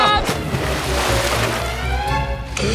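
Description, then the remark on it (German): A loud splash as a body crashes into hot water in a cannonball jump, followed by a couple of seconds of churning, sloshing water. “Arschbombe!”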